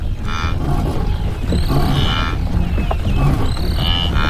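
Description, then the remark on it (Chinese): An animal gives deep, loud roars across open land to call its mate and cubs, the roars carrying several kilometres: about three rough drawn-out calls in slow succession, each with a raspy upper edge, over a constant heavy low rumble with no talking. “在这片空旷的土地上，我的吼声能传出数千米之远，他们如果还在，一定能听见。”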